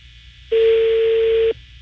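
A single ringback tone on a phone line, one steady electronic buzz lasting about a second before cutting off, fairly loud and alone over faint line hiss, with no one talking.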